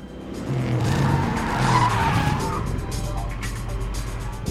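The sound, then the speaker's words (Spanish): Car tires screech and skid across pavement as a vehicle brakes hard, a loud, sustained squeal over rumbling engine noise, with a brief burst of voices mixed in. “Salgan del coche.”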